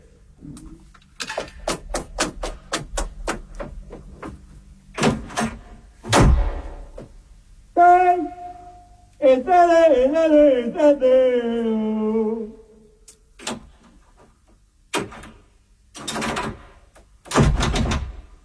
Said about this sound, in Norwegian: Hallo? Jeg har låst deg ut. Det er vranglåst på døren her nå.